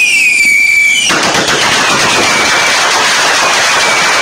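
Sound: fireworks rockets exploding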